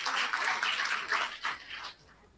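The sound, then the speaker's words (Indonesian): An audience claps for Cirebon together in a dense, crackling burst of applause that holds steady for about two seconds, then quickly dies away to near silence. “Boleh tepuk tangan untuk Cirebon.”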